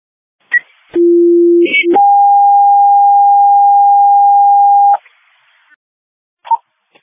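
A radio dispatch alert tone for Battlefield Fire EMS units: a steady low tone for about a second, then a higher sustained tone for three seconds, framed by brief clicks and short bursts of radio static.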